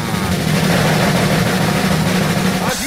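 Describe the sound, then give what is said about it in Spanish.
A bus engine drones with a steady, loud low rumble throughout, its pitch dipping briefly near the end, as a bus serving the Altamira–Tampico route draws nearer. “Pues bueno, ¿qué crees? Ya se acerca, cada vez está más cerca.”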